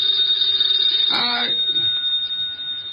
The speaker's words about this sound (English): The phone.